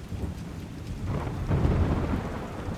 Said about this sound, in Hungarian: De beborult, hűvös lett, és esni kezdett az eső.